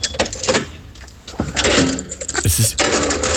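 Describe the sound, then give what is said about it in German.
A heavy underground garage door is unlocked with a metallic clack, then swings and falls shut with a loud thud and brief rattle, echoing in the underground garage. “Und das war das Geräusch der Tiefgaragentüre, ja, ja, beim Aufsperren, ja, und wie sie wieder zufällt.”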